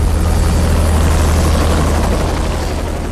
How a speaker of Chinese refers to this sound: 蓝军特战队员们被打散了，有的上了仓皇离去的直升机，有的被按住了，也有的逃出了战团跑掉。三架直升机都逃了